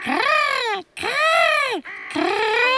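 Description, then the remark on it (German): Three loud, harsh caws from a crow, each a drawn-out rasping call separated by short pauses, with no other sounds around them. “Ach ja, Krähen spielen auch noch eine Rolle.”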